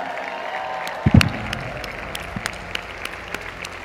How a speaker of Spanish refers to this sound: Gracias, un aplauso para todos ustedes por hacer que las cosas sucedan todos los días.